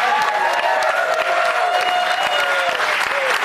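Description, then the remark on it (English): The studio audience of Fox News Saturday Night in New York City applauds loudly and steadily, dense clapping with a few whoops and cheers rising over it, sustained without a break. “You guys, it's such a great crowd. They have been hyped up from the second we picked them up outside the methadone clinic.”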